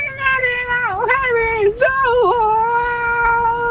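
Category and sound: animal, cat in heat yowling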